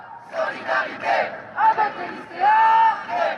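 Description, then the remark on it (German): A crowd of protesting students gathered in front of the Panthéon shouts and chants in rising and falling bursts, with one long sustained yell cutting through the mass of voices near the end. “Ein paar hundert Meter weiter haben sich Studierende vor dem Pantheon versammelt, dem republikanischen Tempel, in dem die Geistesgrößen und Helden der französischen Nationalgeschichte verehrt werden.”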